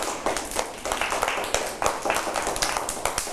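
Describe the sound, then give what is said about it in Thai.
A group of children claps steadily in dense, overlapping applause for a few seconds to praise an artist's artwork, fairly loud, with no talking over it. “โหเยี่ยมมากๆเลยปรบมือให้กับพี่”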